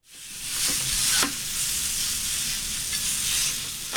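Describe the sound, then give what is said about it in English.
Hibachi food sizzles steadily on a hot grill set up in the trunk of a car, a constant bright hiss broken by a few sharp metallic clicks and scrapes of a utensil. No one speaks. “WSF's Sky LeBron spoke to a local using his car to bring hibachi to the community.”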